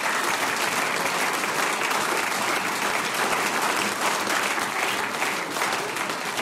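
Sustained applause from a sizable audience, a dense, steady wash of many hands clapping at an even loudness for several seconds, with no voices standing out.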